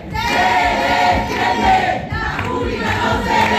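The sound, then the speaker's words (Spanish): A crowd of students chants slogans in favour of the public university in unison, shouting down a speech by university councillor Jorge Paradela, loud and sustained, their voices rising and falling in rhythmic bursts with shouts overlapping throughout. “El acto se ha tenido que suspender después de que los alumnos hayan acusado a gritos al consejero de acabar con la universidad pública para beneficiar a la privada.”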